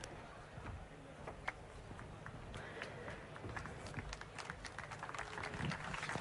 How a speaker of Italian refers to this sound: Grazie, grazie per l'applauso che immagino è rivolto a Iadicicco, perché ormai con me avete una certa consuetudine, una certa frequentazione.